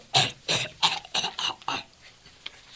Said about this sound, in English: I need something to stop this cough.